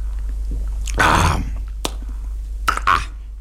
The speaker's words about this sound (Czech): Stará hospůdka dýše klidem a pánové Snětina a Heroun pomalu a s rozvahou utírají rukávem kraje sklenic, než se napijí. Pan Snětina dlouze a mlčky. Pan Heroun s hlučným mlasknutím.